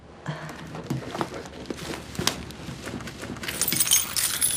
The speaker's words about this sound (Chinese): 这是我们家的钥匙。